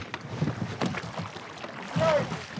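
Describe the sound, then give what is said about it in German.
Oars dip and pull through water as a wooden rowing boat with a shallow draft is rowed, with several splashy strokes coming at an uneven rhythm, amid a steady wash of water and outdoor noise. “Das Rudern nicht zu tief ins Wasser.”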